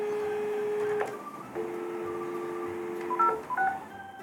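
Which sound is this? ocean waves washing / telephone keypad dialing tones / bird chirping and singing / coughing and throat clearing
telephone keypad dialing tones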